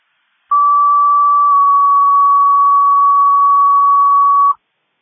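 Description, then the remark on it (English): A city fire dispatch alert tone: one loud, steady electronic pitch held for about four seconds, then cutting off abruptly, with no voices, for a rescue call to High Street and Olive Street for a collapsed, unconscious male. “City fire, tough alarm, rescue, respond, High Street and Olive Street for a male that collapsed, is unconscious.”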